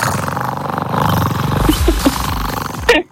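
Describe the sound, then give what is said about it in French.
A voice imitates a cat purring with pleasure, a steady, low, rattling drone that rolls on for about three seconds, wavering slightly, then ends with a short breathy burst. “Regarde, je vais ronronner de plaisir.”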